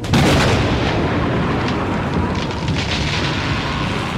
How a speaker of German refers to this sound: Ein Gewitter zog in Richtung Waldlichtung und unaufhörlich rollte der Donner.